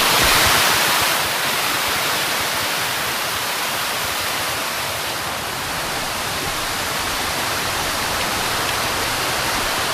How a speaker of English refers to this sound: Ça, c'est l'écluse ? Ça, c'est la sortie de l'écluse ? C'est un trop plein, en fait. Qui s'écoule là, dans le...